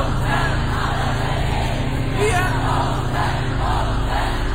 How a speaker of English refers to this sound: And you just love the fact that the audience get right behind him and the crowd is well and truly into it. It sounds like everybody was having an absolute whale of a time. Everyone's in a good mood. Everyone's happy.